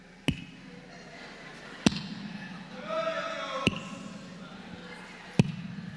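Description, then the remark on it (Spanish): A group claps in unison: four sharp, loud claps spaced evenly at a slow, steady pace, over a continuous murmur of voices and faint singing. “Bueno, hasta en las palmas, fíjense.”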